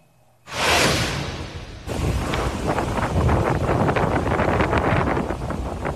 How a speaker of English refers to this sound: Just listen to all that wind and that rain. That's out of Fort Walton Beach.